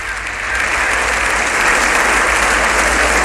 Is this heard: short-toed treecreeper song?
no